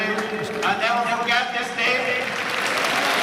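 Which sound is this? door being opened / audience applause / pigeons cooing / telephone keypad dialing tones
audience applause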